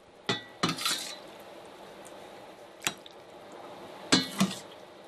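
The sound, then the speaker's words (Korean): Wet scraping and clinking of a utensil against a pot as octopus ramen soup, broth and all, is scraped into a bowl, in four or five short bursts with liquid sloshing and dripping between them, moderately loud, with no one talking. “낙지 영양성분이 우러난 국물까지 싹싹 긁어 그릇에 담아냅니다.”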